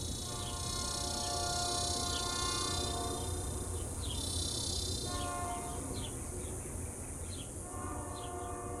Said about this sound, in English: I'm still here, not far from the tracks, then as now. The trains are my acoustic family, safely taking me elsewhere. And the cicadas, electric and itchy, their insistent drone a backdrop to the crescendo of this iron horse.